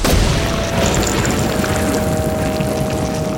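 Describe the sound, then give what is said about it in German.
A loud, steady storm roar at sea, with wind, heavy rain and deep thunderous rumbling that holds at full strength for several seconds, a heavy wash of noise with no voices. “Der Wind wehte mit der Wucht eines Donners.”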